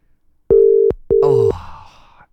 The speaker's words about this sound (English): Oh, it's really ringing for a long time, this one, isn't it? I reckon this is the longest ring out we've had.